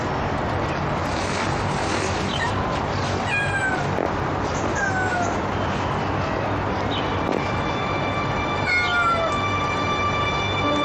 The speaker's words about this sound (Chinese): 等等，他能听懂猫说话？